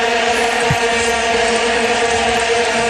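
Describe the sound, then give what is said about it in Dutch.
A dense, unbroken drone of many vuvuzela horns blaring together at the World Cup on one buzzing low note, loud and steady throughout with a rich, reedy stack of overtones and a faint crowd hiss beneath. “Ja, die vuvuzela's bij dat WK.”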